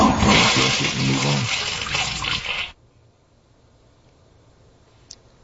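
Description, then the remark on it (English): A loud toilet flush: a rushing, gurgling swirl of water that holds steady for a few seconds, then cuts off abruptly into near silence. “You don't sit there and look at it. You flush it and move on.”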